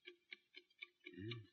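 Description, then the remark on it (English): A watch inside a mailed package ticks softly in an even, quick rhythm, about four ticks a second, as a stethoscope is put on the package, before a low muffled rumble swells under the last ticks. No one speaks. “Ticks, all right.”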